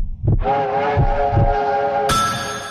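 A train rumbles along the tracks with a few heavy, rhythmic wheel clacks, while a sustained horn blares over it and shifts to a higher, brighter tone near the end.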